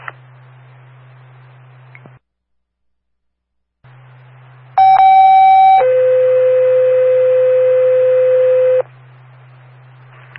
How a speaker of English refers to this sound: Stand by for a tone. 911's got it.